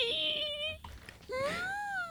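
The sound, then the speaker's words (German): A voice imitates a tiny frog screaming: two shrill, whiny squeals, the first steady and high, the second rising and bending in pitch after a short gap, like a thin wailing cry. “Kennt ihr diese ganz, ganz, ganz kleinen Frösche, die so anfangen, so richtig zu schreien?”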